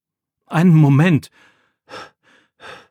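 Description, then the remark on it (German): A voice acts out heavy panting after running: one long, loud, voiced exhale followed by a few shorter, softer breathy puffs, with no other sounds around. “Einen Moment, schnauft Jakob und bleibt stehen.”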